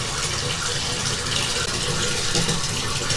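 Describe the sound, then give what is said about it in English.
A hot water tap runs steadily into a bathtub that is getting dangerously full, a continuous rushing splash of water with no voices. “That's good on the hot water. Turn that back down. This bathtub is starting to get dangerously full.”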